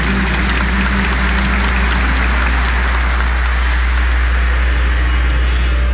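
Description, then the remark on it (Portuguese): A warm round of applause from a church audience at Mass, welcoming the extraordinary ministers of the Eucharist and visiting ministers: a dense, steady crackle of clapping that holds at a fairly loud level for several seconds with no voices over it. “Vamos acolher a todos e a todas com a calorosa salva de palmas.”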